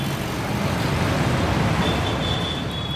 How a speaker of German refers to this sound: Als Rikschas sind sie Einkommensquelle, allerdings für hart verdientes Geld. Ein Fahrer quält sich mit seiner menschlichen Last durch den dichten Verkehr, riskiert Leben und Gesundheit in der verschmutzten Luft